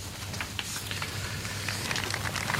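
An audience applauds the brief introduction by the Bishop of San Cristóbal de La Laguna, Diocese of Tenerife, Monsignor Santiago Eloy, who has just greeted Pope Leo: a dense, even patter of many hands clapping at once that holds at a moderate level for the whole moment, with no voices over it.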